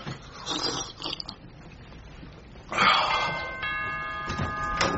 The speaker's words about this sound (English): Oh, he'd stop that noise. Bloody doorbell. I'm on my way.